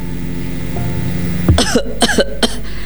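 A short burst of coughing from inside a house that is nearly collapsing, three or four harsh coughs in quick succession, over a low steady background hum with no one talking.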